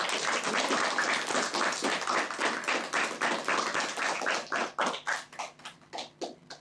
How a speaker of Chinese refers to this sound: 好，我们首先掌声欢迎珠海文化推荐官。